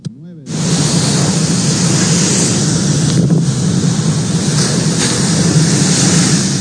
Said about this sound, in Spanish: Vecinos de la comunidad de Boca del Río indicaron que esto es histórico, ya que no había pasado un fenómeno similar que generara un oleaje tan fuerte que derribara todo a su paso.